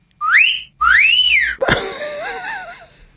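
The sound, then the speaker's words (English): A loud wolf whistle: a quick upward sweep followed by a longer rising-and-falling note, then a sharp knock and some softer, wavering tones trailing off. “Yeah, or wolf whistling in a cinema.”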